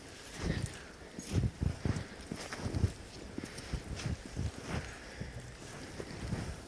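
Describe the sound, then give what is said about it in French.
Water dripping from ice overhead melting on a fairly warm afternoon: a steady patter of small, uneven plops and taps with no regular rhythm, over a faint background hiss of wind. No one speaks. “Là, on entend l'eau qui goutte parce qu'on est l'après-midi.”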